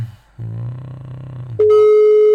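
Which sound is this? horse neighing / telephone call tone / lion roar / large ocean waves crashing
telephone call tone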